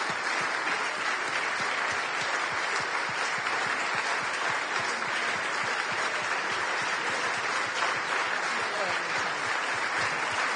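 Steady, dense applause from an audience at the Azzurra Libertà awards for the third prizewinner, an Iranian activist, many hands clapping at a constant loud level for about ten seconds without a break.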